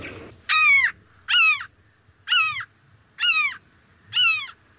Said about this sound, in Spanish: En este caso es una gaviota común. Común.